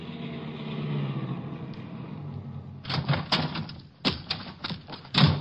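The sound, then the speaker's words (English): A car engine rumbles steadily as the vehicle drives up to Alva Briggs' ranch, then stops, followed by a burst of sharp clunks and thuds, including a car door slamming shut. “We drove over to Alva Briggs' ranch.”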